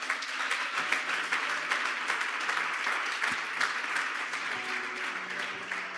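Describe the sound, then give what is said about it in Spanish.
A crowd applauds steadily for several seconds, a dense, even wash of many hands clapping at constant loudness, with faint cheering voices mixed in. “Den un aplauso a papá.”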